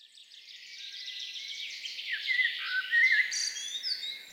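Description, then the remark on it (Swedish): A continuous, busy stretch of high-pitched birdsong, rapid twittering and trilling phrases that grow slightly louder midway, with no voices or low sounds underneath. “Sex vårar har vi sänt Fågelsångsnatten i P1 och nu är det dags för den 7:e.”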